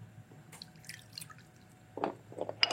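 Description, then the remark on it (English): Half a cup of water is poured into a bowl of homemade sauce containing maple syrup, with light splashing and dripping sounds that grow louder toward the end, with no talking. “And then we're going to add some water, 1/2 cup of water.”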